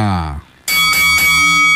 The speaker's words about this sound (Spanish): Momento de decir que toca la campana.